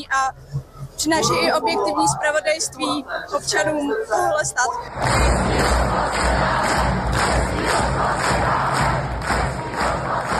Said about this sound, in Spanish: La marcha terminó con miles de manifestantes cantando el himno checo y aplausos